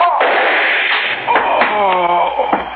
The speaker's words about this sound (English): I'm sorry I had to bust this chair on him